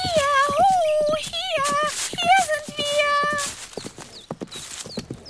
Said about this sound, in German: Da hörten die beiden, wie sich ein Pferd näherte und erblickten den schönen Prinzen.